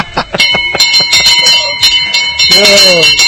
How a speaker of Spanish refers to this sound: agarre, haga mazo con esa campana.